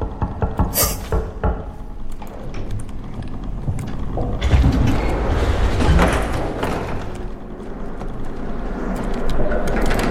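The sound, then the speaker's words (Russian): Door handles are jiggled and rattled, with a burst of sharp clanks early on, then repeated dull thumps and knocking over a steady noisy background. “Пока подергаем ручки.”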